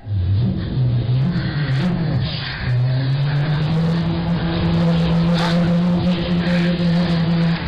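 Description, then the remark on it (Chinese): A car engine drones steadily, its pitch rising and falling as it revs and accelerates, running continuously with no voices over it. “不，我要汽车。 汽车，好嘞。”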